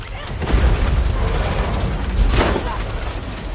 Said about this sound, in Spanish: Taskmaster camina lentamente hacia el 4x4 de Natasha. Ella intenta liberarse. El vehículo se desploma y la lata de combustible cae por el parabrisas destrozado.